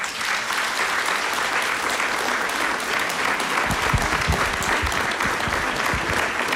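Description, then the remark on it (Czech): An audience at a painting exhibition applauds to show the exhibited paintings would be liked, the clapping a dense steady wash from the start that grows fuller and heavier after a few seconds, with stronger low claps joining in. “tak ale kdyby opravdu viděli, co tady je vystaveno, tak dejte najevo potleskem, jestli si myslíte, že by se jim to líbilo.”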